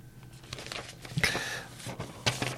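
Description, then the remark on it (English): A crinkly piece of paper that got tangled up crumples and rustles in a few irregular bursts, the loudest near the middle and end, over a faint steady low hum with no voices. “Sorry, piece of paper got tangled up there.”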